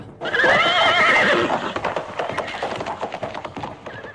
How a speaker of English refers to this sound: Get on my horse. Hya!